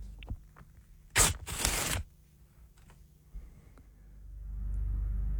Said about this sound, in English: I'm going to rip... I'm going to rip some paper. I've got a little bit of a... Like, it's more than one, I will say. Okay. You've got to tell me how many pieces of paper I'm ripping.